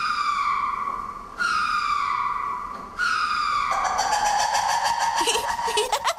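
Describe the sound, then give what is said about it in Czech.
A ring-tailed lemur from a zoo, a striped-tailed animal that lives wild in Madagascar, calls: three drawn-out, slightly falling wails, then a rapid run of pulsing, yelping notes that climb and waver in pitch, fairly loud with no talk. “Má krásný pruhovaný ocas a mluví, nebo spíš pokřikuje, takhle.”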